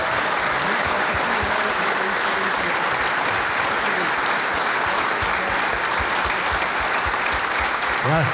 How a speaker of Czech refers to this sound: No samozřejmě děkuju za aplaus, ale pro mě to bylo strašně jednoduchý.